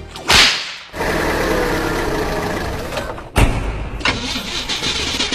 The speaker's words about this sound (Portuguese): Ih, rapaz, não é de ver que o carro tá falhando? Falhando? Onde você abasteceu esse carro, criatura? Uai, abasteci ali no posto pertinho de casa. Ah, aí não dá, né? Aí você tá pedindo pra andar empurrando.